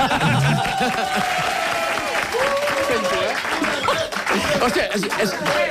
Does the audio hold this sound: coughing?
no